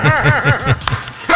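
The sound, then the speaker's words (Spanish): A dog barks in a quick run of about five sharp, high yaps, fairly loud, then falls quiet with a few faint rustles and a brief final yelp. “Estate quieto, perrito. Dejen la bulla, señores.”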